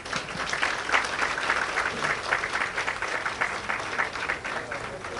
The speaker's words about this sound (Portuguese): E uma grande salva de palmas.